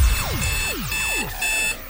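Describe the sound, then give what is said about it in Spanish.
An alarm rings loudly and steadily, repeating a falling, sweeping electronic tone about every half second over a sustained high whine, with no voices. “Que alguien pare esa alarma y ponga musicón.”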